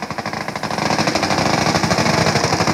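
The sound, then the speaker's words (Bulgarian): Loud, rapid bursts of automatic gunfire hammer on steadily, growing slightly louder, with a dense rumbling background and no talking, during a military exercise at the airfield in Cheshnegirovo, Bulgaria, where drones blew up enemy jeeps and a helicopter stormed a building held by terrorists. “Отново у нас дронове взривиха вражески джипове на летището в Чешнегирово по време на учение, а хеликоптер штурмува сграда с терористи.”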